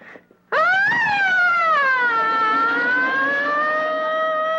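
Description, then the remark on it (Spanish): A loud fire truck siren wail that starts abruptly after a brief quiet moment, rising sharply then holding a long, slowly wavering tone with no talking over it. “¡Pues es la filena de carro de bomberos!”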